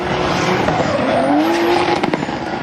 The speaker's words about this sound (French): Ah, c'est vraiment incroyable, déjà que j'aime beaucoup les voitures. Voir des voitures que j'adore drifter, c'est vraiment quelque chose de magique.